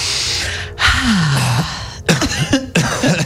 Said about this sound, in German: Was hustest du hier rum? Ich hab selber gehustet.